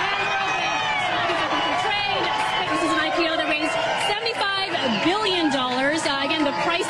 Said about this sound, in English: A lot of energy in the room. You can tell that there is applause, excitement, hugs, smiles. I mean, there are a lot of employees who started here day one in 2002, and so they've been waiting for this moment.